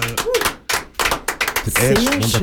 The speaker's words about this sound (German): Wir machen noch einen Applaus hier aus dem Studio.